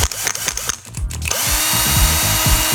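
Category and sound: tool, electric drill running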